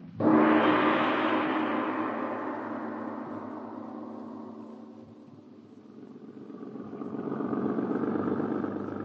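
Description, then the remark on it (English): A car engine starts loudly with a broad rumbling roar, settles into a steady idle-like drone, then swells again as it revs or moves off, with no talking. “Listen. A car. Quickly, hide behind this tree.”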